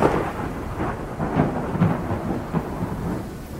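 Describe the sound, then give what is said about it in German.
A low, steady rumble of thunder rolls on with several heavier swells during a thunderstorm, with a faint wash of rain beneath it and no voices. “Ein Blitz? Gibt es hier Gewitter?”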